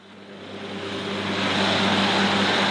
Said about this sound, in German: Mit zusätzlichen extra breiten Reifen auf der Hinterachse mäht ein Traktor das etwa 1 Meter hohe Gras auf den Moorwiesen